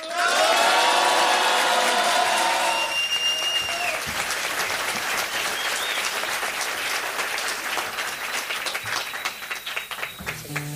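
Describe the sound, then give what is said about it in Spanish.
An audience at the Salamaster stage breaks into loud, sustained applause as a national singer-songwriter is introduced, dense clapping that runs steadily for about ten seconds, with whoops and high whistles rising above it at the start before it settles into steady clapping. “Qué buen aplauso, ¿no?”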